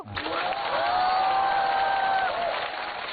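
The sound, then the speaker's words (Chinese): A steady burst of audience applause for a performer at a stage competition fills about three seconds, dense and fairly loud, with a sustained whoop or cheer carried over the clapping before it tapers slightly. “鼓掌的观众，我祝你们幸福。”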